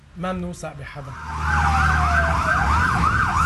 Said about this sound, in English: As long as the strikes continue, these sirens across the country will not stop.